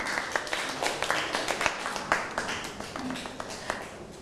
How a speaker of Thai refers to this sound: เอาปรบมือให้ตัวเองหน่อยครับ